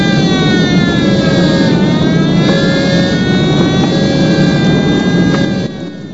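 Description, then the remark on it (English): Loud, continuous engine roar with layered whining tones as emergency vehicles race out at speed to a burning bomber plane that has exploded, the noise steady throughout before dropping slightly at the very end. No one speaks. “Sickened, the young men cast down their eyes as emergency vehicles race out to the burning plane.”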